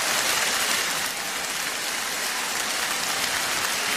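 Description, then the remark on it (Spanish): A large crowd at a live concert recording applauds steadily as two star singers come out, a dense, hissing wash of clapping that holds at an even loudness for the whole stretch, with no voices or music. “El público siempre rompe en aplausos.”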